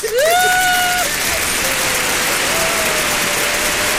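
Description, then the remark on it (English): A crowd applauds steadily for the full four seconds, a dense, loud wash of clapping, with a rising whistle-like tone near the start that fades into the clapping. “We have my applause. May I applaud for them?”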